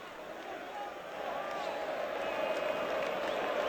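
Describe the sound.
A large football crowd at the Morumbi stadium in São Paulo roars and sings in a dense, continuous wash of voices, chanting to push the São Paulo team. The sound is full, swelling slightly louder as the chant carries on.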